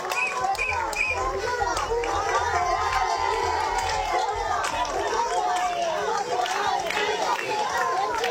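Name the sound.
crowd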